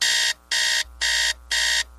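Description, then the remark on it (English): An electronic alarm clock beeping loudly, four even, bright bursts in a steady on-off rhythm with short silent gaps between them, nothing else in the background. “These days, a lot of cars are so boring, they should come with a snooze alarm.”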